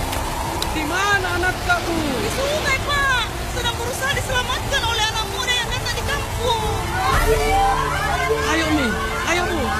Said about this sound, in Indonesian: Biasanya jika hujan deras seperti ini akan terjadi banjir, Bu.